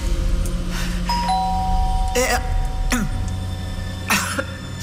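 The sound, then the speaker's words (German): A doorbell chimes with two quick tones that ring on and slowly fade, while a few harsh coughing or throat-clearing bursts break in over the steady background noise. “Die Tür, hörst du nicht?”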